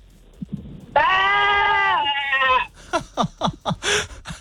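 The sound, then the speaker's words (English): A child caller from Gundaroo, in a sheep-bleat imitation contest, imitates a sheep's bleat with one long, loud, wavering "baa" held for about a second and a half, followed by quick bursts of talking. “You got to give me your best sheep bar, okay? Give it your best.”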